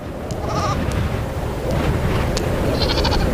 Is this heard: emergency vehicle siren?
no